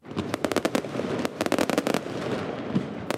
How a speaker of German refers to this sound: Mit deutlichem Vorsprung und viel Feuerwerk. So hat die linke Partei Vetvendosje von Premierminister Albin Kurti ihren Wahlsieg im Kosovo gefeiert.